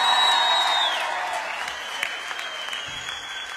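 A crowd at a live show being recorded for an album claps steadily, a dense wash of many hands that starts loud and gradually thins and softens, with a few tonal streaks from lingering music or feedback underneath.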